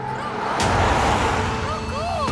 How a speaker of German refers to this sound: Doch die vorbeifahrenden Autos sind zu laut